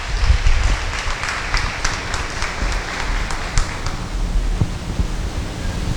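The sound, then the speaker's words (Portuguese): A crowd gives a round of applause in thanks to a priest, applauding steadily for several seconds, a dense wash of many hands clapping at once with scattered sharper claps standing out, fairly loud throughout. “E com a salva de palmas, muito obrigado,”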